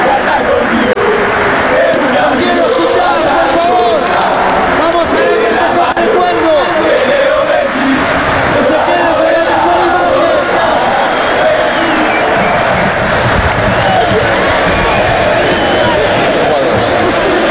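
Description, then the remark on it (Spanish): A huge stadium crowd at the Monumental, on a night celebrating Lionel Messi and the Argentina national team, chants and cheers without pause, thousands of voices merging into a loud, steady roar with rising and falling sung phrases running through it. “Y ahí sigue, en los cánticos.”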